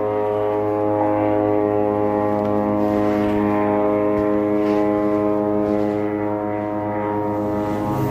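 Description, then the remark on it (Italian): A constant, buzzing engine drone from aircraft flying overhead in Gaza during the war hangs steadily for the whole stretch, loud and unbroken, with no voices. “Aerei.”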